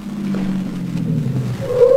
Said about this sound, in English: Car stop in front. It's right there.